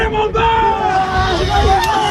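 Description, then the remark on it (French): A crowd of students at Lycée Baggio in Lille cheers loudly as baccalaureate exam results are posted in the schoolyard, a dense steady roar of overlapping shouts and excited voices with occasional rising whoops, sustained throughout, swelling each time a candidate finds their name on the lists. “Le volume sonore augmente chaque fois qu'un candidat se retrouve sur les feuilles.”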